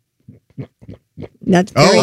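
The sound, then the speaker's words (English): A person imitates a guinea pig with a few short, soft grunting chirps like a tiny oink, followed by two louder, high-pitched squeals, with no talking. “What does a guinea pig sound like?”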